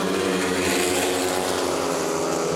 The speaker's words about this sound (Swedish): Motorbrum från Ljungheden i Västervik, det är just nu ledning för Matthias Czernak, en av lejonförarna som kamperar ihop med landsmannen Robert Schmil, som har det desto kärvare just nu.